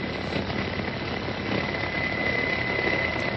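A steady, loud helicopter engine roar with a continuous rotor wash filling the scene, unbroken for the whole stretch, with a faint whine running through it and no voices, as Colonel Swenson and another soldier help Sergeant Westbrook onto the helicopter.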